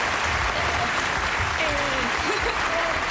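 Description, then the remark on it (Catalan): A studio audience claps in a steady, dense wash of applause that fills the whole stretch at an even, fairly loud level, with faint voices murmuring underneath. “Bueno, un aplaudiment, yeah, sisplau, al públic, aquí.”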